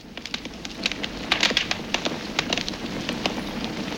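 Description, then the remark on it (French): A wood fire of burning logs crackles in a fireplace, a steady soft hiss dotted with irregular sharp pops and snaps, some louder than others, with no voices. “Alors, ça craque, ça fait plein de toutes petites explosions. Ça serait pas, tu sais, celui qui dévore les bûches dans les cheminées.”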